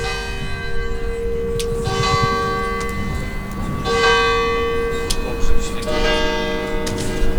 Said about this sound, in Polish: Co to jest za dźwięk? Kościół w tykocinie. Tak jest, to jest konkretnie zegar kościelny, ale to jest ten kierunek.